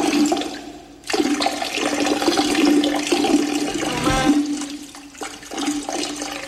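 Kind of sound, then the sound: household object, water running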